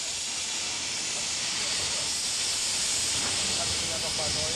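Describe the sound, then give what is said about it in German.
A steam locomotive on a German museum railway, being supplied with water and coal, releases a steady, loud hiss of steam, a continuous rushing roar that holds constant throughout with faint rumbling underneath. “Die Hoya wird noch schnell mit Wasser und Kohle versorgt.”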